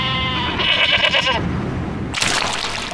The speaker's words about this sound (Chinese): 食客们心心念念的羊，此刻正在贵州的山上，嚼着百草，自由奔跑。这种贵州特有的矮脚山羊，羊肉拥有浓浓的青草香气。